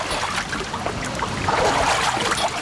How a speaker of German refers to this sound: So klingt es normalerweise beim Wassertreten an der Kneippanlage am Tannenbaum in Bad Wörishofen, wenn das Becken gut gefüllt ist.